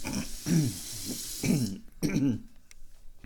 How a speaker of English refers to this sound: Oh, this kitty water's exceptionally low. We gotta get you some kitty water. Yes, I'm getting it for you. Filling up the cup full of kitty water for the baby.